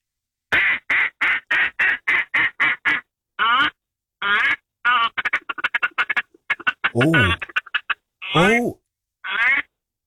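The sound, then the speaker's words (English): A duck call blown loud: a rapid staccato run of short quacks, the feeding call, then scattered choppy notes and a few longer, drawn-out raspy quacks, with no talking. “Do you mind firing out a couple of duck calls for us, or is it the wrong thing to do right now?”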